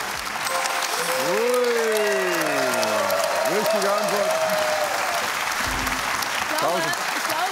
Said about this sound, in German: Das war der lauteste Applaus, den ich je in dieser Show jemals erlebt habe.